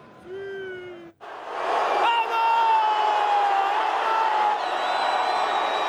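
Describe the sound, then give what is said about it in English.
A brief lone shout gives way to a loud crowd of Portugal football fans cheering and whooping as the team arrives at their hotel in Toronto, Canada, with sustained high yells and whistles riding over a dense, steady roar. “This is how Portugal fans greeted Ronaldo and his teammates as they arrived back at their hotel in Toronto following that win”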